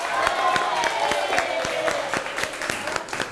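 An audience applauds in a steady, dense patter of many hands clapping, with a few sharper claps standing out and faint crowd murmur underneath, holding at a moderate level throughout.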